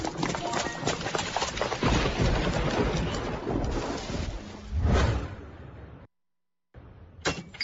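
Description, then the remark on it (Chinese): Steady heavy rain hisses while deep thunder rumbles and swells, peaking in a loud crack near the end before the sound cuts out and briefly returns. “哎呦，是怕啥就来啥，这说下雨就下雨啊。”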